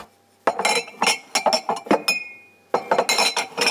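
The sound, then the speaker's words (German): Drinking glasses clink and knock together in a quick, uneven flurry of bright hits while being washed up, with a short ringing tone in a pause before more clattering. “So, jetzt die Gläser.”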